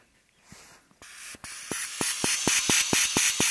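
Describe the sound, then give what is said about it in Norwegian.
Breathy, hissing air blown through a cracked homemade flute, growing louder over a few seconds, with a faint, thin, high whistle flickering in and out and a steady series of soft ticks beneath. “men jeg ser teorien, så kanskje det blir en liten visslelyd, skal vi høre?”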